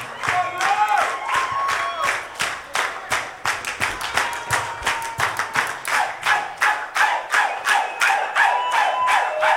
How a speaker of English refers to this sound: Everybody give yourself a round of applause tonight for coming out.